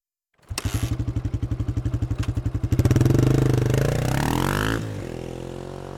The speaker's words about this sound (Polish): Ale znalazłem po prostu taki zwykły motocykl do motocrossu. To też myślę, że jest często spotykana rzecz. Posłuchajmy.